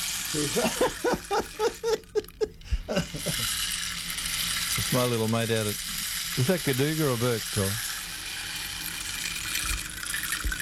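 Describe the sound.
A rain stick pours a steady, granular rattling hiss throughout, like pebbles trickling through a tube, while people talk over it.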